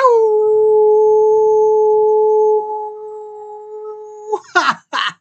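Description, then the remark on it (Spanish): A person imitates a wolf howl: one long, loud, steady-pitched howl held for about four seconds, trailing off into a few short, breathy, rasping bursts. “Y no puede faltar el consabido aullido que les envío con mucho cariño, con mucho amor, con mucha energía, lleno de buena vibra, apapachos y todos los buenos deseos que tengo en mi corazón para todos y cada uno de ustedes.”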